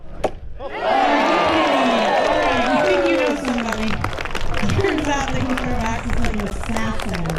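A sharp single thud as a thrown axe hits the target, then a crowd erupts into loud, sustained cheering and whooping, many voices yelling over one another without letting up, at the women's axe throwing competition of the logging show at the Southeast Alaska State Fair.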